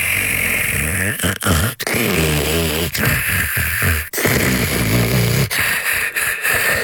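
Loud, rasping snoring fills the whole stretch, with harsh rattling breaths that rise and fall in an uneven rhythm and only brief pauses between them.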